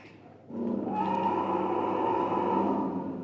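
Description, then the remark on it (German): A loud, drawn-out roar from an animatronic Allosaurus, a moving dinosaur figure bought from America, swells in after a brief quiet moment and holds steady for nearly three seconds, deep and growling with a rough, harmonic tone, and no talking over it. “und haben diesen Allosaurus, so heißt der, aus Amerika gekauft und der sollte sie jetzt begrüßen, denn der hat auch, der kann auch brüllen.”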